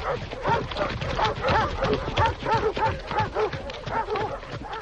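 A pack of hunting dogs barks and yelps all at once as they set off running at the start of a hunt, their overlapping cries forming a steady, excited clamour that carries on without a break, loud.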